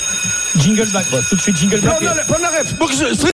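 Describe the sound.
A steady, high-pitched alarm rings continuously at 8 in the morning, with a voice swooping and sliding in pitch loudly over it.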